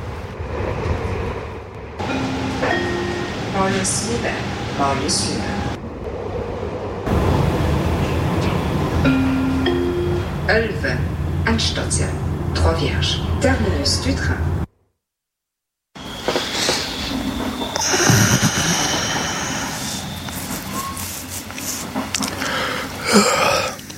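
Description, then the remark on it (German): A nearly empty train carriage rumbles steadily along the rails, with a continuous low roar, rattling and squealing metal, broken briefly by a moment of silence before the rolling noise resumes. “Nun bei Bewusstsein rafft er sich auf und durchquert den fast leeren Waggon.”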